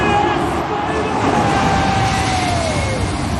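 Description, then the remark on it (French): Loud, steady roar of two large jet airliners passing low, only a few dozen metres over the roof of the stadium in Cape Town, South Africa, just before kickoff of a rugby match, with whining engine tones sliding slowly downward in pitch across the whole few seconds. “Ce que vous entendez là, ce sont 2 gros avions de ligne.”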